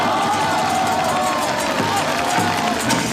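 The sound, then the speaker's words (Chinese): A crowd applauds warmly, steady dense clapping that holds at an even level for a few seconds, with faint cheering voices mixed into the roar, welcoming Political Commissar Deng Xiaoping to speak at the celebration of the founding of the Second Military Sub-district of the Jin-Ji-Yu Military Region. “下面，我们以热烈的掌声欢迎邓政委讲话。”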